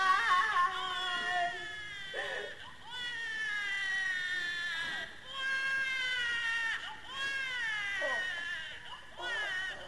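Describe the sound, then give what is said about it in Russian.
A newborn baby wails in long, loud, piercing cries with brief gasping pauses between them, continuous throughout. “Откуда? Откуда младенец?”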